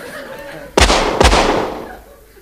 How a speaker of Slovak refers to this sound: Asi nepočul, že to strieľate do neho, pane. Skúste ešte raz.